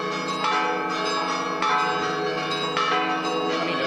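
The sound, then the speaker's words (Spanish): The bells of an old church tower peal for the last time on the night of 26 July, at the festival in honour of Señá Santana, in a rapid, overlapping cascade, bright strikes landing every second or so over a sustained ringing wash, loud, with no voices. “Repican por última vez las campanas de esta vieja torre.”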